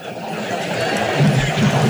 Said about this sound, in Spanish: Ese es el aplauso que hacen al unísono y así se unen miles en las tribunas. Y esto es en pro de Marruecos.